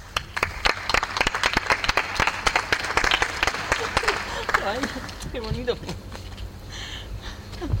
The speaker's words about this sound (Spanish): Pues un aplauso para